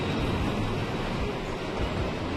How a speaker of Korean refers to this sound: 본격적으로 지금 죽음의 계곡으로 열차가 들어가고 있어요.